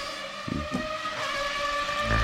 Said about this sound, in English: Time now for some Formula One. Let's put some cars in the background.